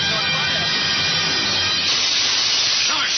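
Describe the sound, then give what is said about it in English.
A house fire, set by a spark from an engine, roars with a steady, dense hiss and rush that grows louder partway through, while faint voices murmur beneath it early on. “The spark from the engine has set the house afire.”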